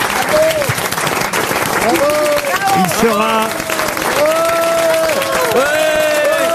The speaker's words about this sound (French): Eh ben, on peut applaudir Marc-Antoine Lebré.